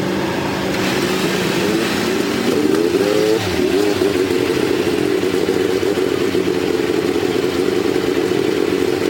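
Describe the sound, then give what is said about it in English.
Race car engines fire up and rev at Indianapolis after the Hulman George family gives the command to start engines. Their pitch sweeps upward before settling into a loud, steady, buzzing roar that continues to the end, with no voices. “Generations of the Holman George family on hand to give the command to start engines.”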